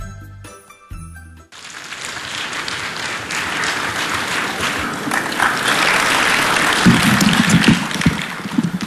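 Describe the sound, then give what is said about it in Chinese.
A short musical jingle gives way to a sustained wash of audience applause for a Chinese quyi comic performance piece, 'A Bite of China', dense and steady, swelling slightly louder toward the end with no voices over it. “这 掌声要再热烈点，你说这得多好啊！”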